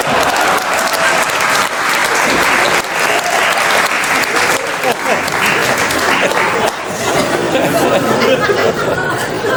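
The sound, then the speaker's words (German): An audience at a stage show applauds the performer's assistant steadily, a dense, loud wash of clapping hands that holds for the whole stretch, with a murmur of crowd chatter mixed underneath. “Ein Applaus für meine Assistentin Monika.”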